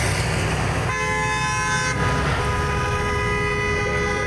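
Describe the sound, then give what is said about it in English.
Loud, sustained truck air horns blare over steady road noise, several overlapping tones starting and stopping as a protest convoy of about 200 independent rig welders' trucks honks together on the highway between Fort Saskatchewan, Sherwood Park and Leduc. “200 independent rig welders took to their trucks to the highway, calling for higher wages and better working conditions.”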